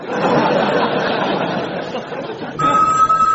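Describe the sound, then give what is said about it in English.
A crowd chuckles and murmurs, then a steady, high electronic phone ring, the 'invisible phone' in a Captain Invisible comedy sketch, cuts in near the end, sounding clear over the fading laughter. “Hey, it's the invisible phone, Captain.”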